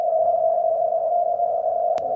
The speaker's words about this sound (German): Gar nicht so leicht. Die Morsezeichen sind leise, das Rauschen laut.